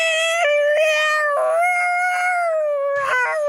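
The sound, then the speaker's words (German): A cat lets out a long, drawn-out meow that wavers in pitch with a few brief breaks, loud, with no other sounds around it, as the cats Muffin and Turd slip coughing through a cat flap. “Hustend schlüpfen Muffin und Turd vorsichtig durch die Katzenklappe und landen, papuff, bei den Wikingern.”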